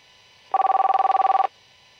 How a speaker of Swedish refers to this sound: Nu ringer det här. Och jag ser här att det är ett nummer jag inte känner igen. Ska jag svara eller ska jag inte svara? Det är frågan.